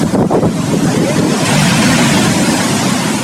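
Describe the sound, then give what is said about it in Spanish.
Ocean waves break and wash along the coast of Peru at dawn in a steady, broad roar of surf, loud, with gusty wind buffeting the microphone and no voices. “El amanecer significa el reencuentro de un sol luminoso con nuestro inmenso mar.”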